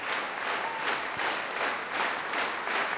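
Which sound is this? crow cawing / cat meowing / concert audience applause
concert audience applause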